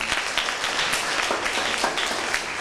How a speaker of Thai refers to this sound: ขอเสียงปรบมือให้เพื่อนด้วยครับ